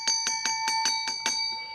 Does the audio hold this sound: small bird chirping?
no